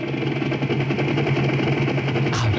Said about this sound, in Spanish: He arrancado ya el helicóptero